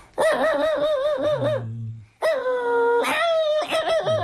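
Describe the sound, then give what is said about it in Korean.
A person's voice imitates a dog excitedly greeting its owner on hearing the owner's footsteps returning from visiting neighbours, with loud, high-pitched whiny yelps and barks in several drawn-out bursts separated by a brief pause. “주인이 이제 반가워서 짖는 소리는 이렇게 짖는 네.”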